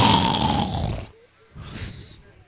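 Two loud, raspy snores come in succession, each a rough, rattling breath lasting about a second, with a short quiet gap between them. They may be a person imitating snoring.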